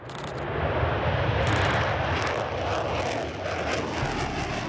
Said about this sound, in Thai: เครื่องบินทิ้งระเบิด B-1 ทะยานขึ้นจากฐานทัพอากาศแฟร์ฟอร์ดของอังกฤษเมื่อวันที่4ตุลาคมที่ผ่านมา